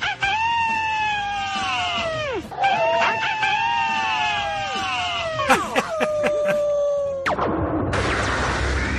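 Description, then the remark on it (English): A man imitates a howl: three long, loud, wavering cries that each hold a steady pitch and then slide downward, ending with a brief burst of noise. “I might give you a howl.”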